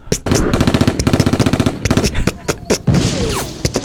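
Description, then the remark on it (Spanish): A loud, rapid string of sharp pops fires off in quick succession, like tiny explosions, then breaks into a few scattered, irregular bursts toward the end. “Habemos unos un poco más sanos, que somos como palomitas, que vamos así en mini explosiones.”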